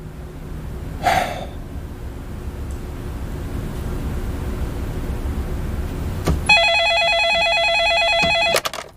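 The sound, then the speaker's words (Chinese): A brief burst of noise near the start, then a steady electronic telephone ring tone, heard as someone returns a phone call, with stacked tonal harmonics, sounds for about two seconds against a low background hum before cutting off abruptly. “我去回个电话。”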